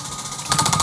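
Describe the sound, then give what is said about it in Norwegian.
A prize wheel spins to decide a gift card, with a rapid, steady run of mechanical clicks. The ticking is fairly soft at first, then grows louder and more distinct, with no voices. “Der snurrer hjulet, som du kanskje hører litt av.”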